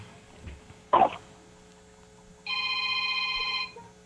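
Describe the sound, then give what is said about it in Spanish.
A brief thump, then a single car horn honk held for over a second, steady and fairly loud against a quiet background hum. “Toca, yo quiero 9 bocinazos cortos.”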